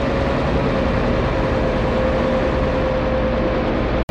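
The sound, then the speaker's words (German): A steady, loud motor boat engine drone with a constant low rumble and a faint sustained tone as the boat departs from an underground harbour, heading east, running unchanged for about four seconds before cutting off abruptly at the end. “Da liegt ja ein Motorschiff.”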